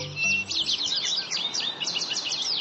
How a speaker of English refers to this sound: Morning is a great time for birding. Songbirds begin their chorus just before dawn, and many species start looking for food at first light.